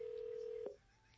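A single steady telephone keypad tone holds for well under a second and then cuts off, leaving only a faint hiss of background noise.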